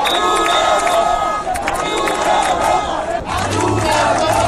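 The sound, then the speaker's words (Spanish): A loud crowd of protesters in Ceuta, with flags of Spain and Ceuta, chants and shouts insults at Pedro Sánchez and cries of 'viva Ceuta, viva España', voices rising and falling in repeated rhythmic bursts with a dense, continuous roar of many people yelling at once. “con conductores que animaban a los manifestantes, con banderas de España y Ceuta, todo un clásico, con cánticos de forma de insultos hacia Pedro Sánchez o gritos de viva Ceuta, viva España, repetidos además por momentos.”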